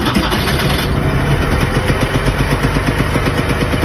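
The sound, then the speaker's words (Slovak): A car engine starts up, its brief cranking giving way to a loud, steady, rhythmic chugging idle with no voices present. “To, že sa jedná o štartovanie, vieme úplne všetci. Hej, a presne vieme, akého auta.”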